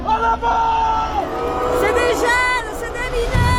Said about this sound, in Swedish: Samtidigt växer protesterna på gatorna.